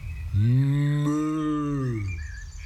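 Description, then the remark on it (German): A single long, low bleat from a sheep with shiny fleece rises and then slowly falls away, loud, with no voices or other sounds around it. “Vielleicht können wir das Schaf da vorne fragen.”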